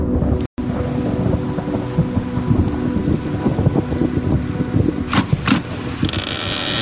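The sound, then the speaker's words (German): Steady rain with wind pours down in a dense, continuous hiss with low rumbling underneath, broken by a brief dropout near the start and a few sharper splashing bursts later on. “Wohin sonst? Jetzt? Im Regen?”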